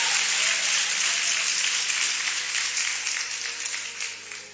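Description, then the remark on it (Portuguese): A crowd applauds the Lord Jesus, clapping together in a dense, steady wash of applause, then gradually thins and fades toward the end. No one speaks. “Pode aplaudir ao Senhor Jesus, pode glorificar o nome do Senhor.”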